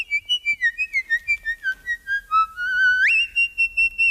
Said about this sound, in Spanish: Que eso puede parecer mucho pues el silbido, ¿no? El silbido. El silbido, qué bueno.